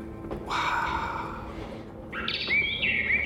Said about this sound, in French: c'est quoi cet oiseau ? Analyse sonore en cours. Il s'agit d'une fauvette orphée.